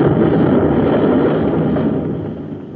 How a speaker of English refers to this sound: Wow. They've torn off a whole hunk of the plant with their nose rockets. They'll keep blasting away till they're sure we're finished.